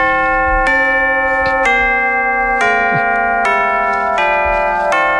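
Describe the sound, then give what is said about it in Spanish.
Tubular bells chime a slow descending sequence of about six struck notes, each ringing and overlapping the next, loud with no voices. “instrumentos, de percusión, de guitarra y bajo, piano, teclados y, por supuesto, las campanas tubulares.”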